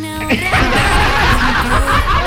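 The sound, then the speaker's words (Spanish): A parrot squawks and chatters, loud harsh calls with sliding pitch that sound almost like laughter, running continuously for a couple of seconds. “Apareció el loro, parece que está curado.”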